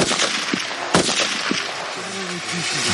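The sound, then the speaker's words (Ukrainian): Several sharp gunshots crack out at a shooting range as soldiers train to shoot from kneeling, lying, standing and side positions, one especially loud blast near the start followed by quieter reports, with a voice talking faintly underneath toward the end. “З коліна, лежачи, стоячи або лежачи на боку, вони навчаться не тільки стріляти по мішеням, вони будуть вміти стріляти із незручних положень і з різних положень для стрільби.”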